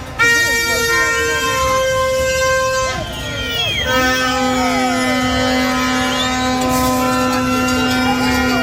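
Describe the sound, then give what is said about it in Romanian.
Several car horns honk at once in long, overlapping sustained blasts, loud and continuous, in a traffic jam caused by protesters refusing to leave the middle of the street, including in Pasajul Victoriei, with voices and street noise mixed underneath. “Din cauza manifestanților care refuzau să plece din mijlocul străzii, s-au format coloane mari de mașini. A fost paralizată circulația inclusiv în pasajul Victoriei, inclusiv tramvaie au fost împiedicate să înainteze pe șine.”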